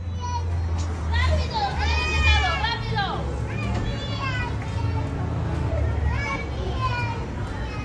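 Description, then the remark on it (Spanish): A girl of about 2 years sobs and cries in high, wavering wails that rise and fall in repeated bursts as her mother punishes her, in Michoacán, Mexico, over a steady low rumble of background noise. “La niña está ahogada en llanto y aterrada por lo que su madre le hace.”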